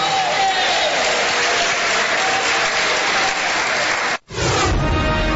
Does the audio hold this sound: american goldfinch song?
no